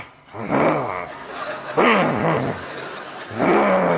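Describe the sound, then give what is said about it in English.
A voice imitates a low, angry growling murmur in three rough, throaty bursts, fairly loud, mimicking a funeral audience grumbling at a preacher talking about Jesus. “I start to hear this growling, this murmuring.”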